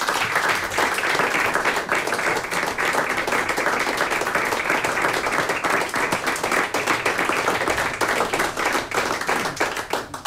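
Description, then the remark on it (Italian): Sustained applause from a large audience, dense and steady clapping that stays loud throughout the full ten seconds with no voices standing out, for the RTV Slovenia Symphony Orchestra and conductor Mojca Lavrenčič after a live celebratory concert for the birthday of Radio Koper and Radio Capodistria. “Un altro grande applauso ci sta?”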